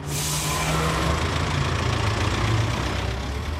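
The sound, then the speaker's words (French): A heavy bus engine idles steadily, a low rumbling drone with a constant throb, fairly loud, with no one speaking. “notre bon vieux bus, eh bien, il va reprendre du service puisqu'on va de nouveau rouler aux quatre coins du pays”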